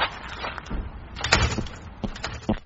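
A door is opened with a scrape and rattle, followed by a few dull knocks and clunks as it moves, with no one speaking.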